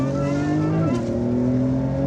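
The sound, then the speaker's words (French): A race car accelerates at full throttle on a track, its engine roaring loudly at high revs, its steady droning pitch dipping briefly with a quick gear change before holding strong again. No voices are heard. “Voilà, là on peut accélérer à 100%.”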